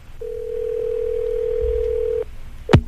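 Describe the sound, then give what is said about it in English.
A single long, steady ringback tone on an outgoing phone call to Pensacola for the weekly Top 40 Challenge lasts about two seconds, then stops; after a short pause comes a sharp click like a receiver being picked up. “It's ringing right now in Pensacola.”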